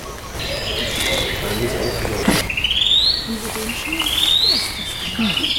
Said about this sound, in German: Das ist jetzt die Singdrossel. Das alles ist ein Vogel. Ich sag ja, die macht verrückte Sachen.